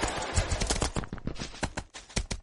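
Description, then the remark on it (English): Horse hooves in a video game clip-clop in a quick, steady rhythm as the player rides a horse, each hoofbeat a sharp knock, with no talking over them. “I was pulled into a fucking scene somehow. On a horse.”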